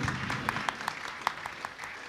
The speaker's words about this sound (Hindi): कार्यक्रम प्रमुख, तालियां बजती रहें।